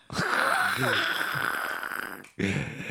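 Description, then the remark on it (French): A long, drawn-out yawn, breathy and loud with a wavering voiced tone that rises and falls, ending abruptly before a short new breath begins. “Le bâillement.”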